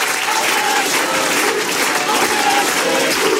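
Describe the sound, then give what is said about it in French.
A large crowd chants the slogan « On est chez nous » in unison, the massed voices loud and continuous, mixed with steady clapping and cheering throughout. “Ce que vous distinguez là dans la foule, c'est le cri « On est chez nous », un cri qu'on entend d'habitude du côté du RN, voire même du Front National d'avant.”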